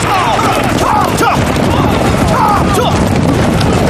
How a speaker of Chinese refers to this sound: 听，有枪声。 是啊， 年轻的驼队一定是遇上麻烦了。